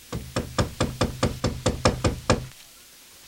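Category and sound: household object, knocking on a door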